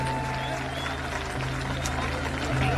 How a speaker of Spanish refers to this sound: ¡Buenas noches! El aplauso para ustedes de todo corazón. Muchas gracias.